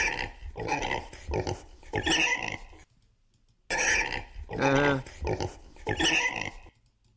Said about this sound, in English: You know, he likes to roll in the mud, and that's the way pigs are, man.